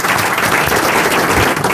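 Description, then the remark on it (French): An audience applauds steadily for Monsieur Ferrari, a dense wash of many hands clapping at once, loud, filling the short moment without any voices. “Monsieur Ferrari, sous les applaudissements du public.”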